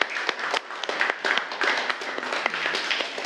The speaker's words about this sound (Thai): กลุ่ม4นะคะปรบมือให้กลุ่ม4หน่อย